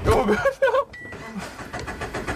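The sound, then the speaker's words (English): A car engine cranks and sputters as it tries to restart after the car spun out during laps on a track, without settling into a steady run, while a voice exclaims briefly near the start and a whine cuts through midway. “Couldn't start the car again.”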